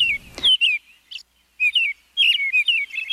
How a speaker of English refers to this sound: The American robin is the best known of the thrushes. Its song is the familiar cheer-up, cheerio.